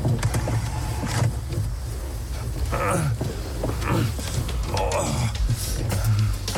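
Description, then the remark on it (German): Someone repeatedly tugs and rattles the door of a locked car from inside, producing several muffled clunks and scrapes at uneven intervals over a steady low engine-like hum, moderately loud. “Das Auto ist abgeschlossen. Wie kommen wir da jetzt raus? Geht die Tür echt nicht auf?”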